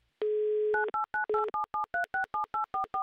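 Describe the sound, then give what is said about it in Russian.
A steady phone dial tone hums briefly, then a quick run of about a dozen touch-tone keypad beeps dials a telephone number to call a game participant, followed by ringback tones, clear with no voices. “Номер телефона мы набрали. Набрали. Так, гудки у нас пошли быстро, оперативно, прекрасно.”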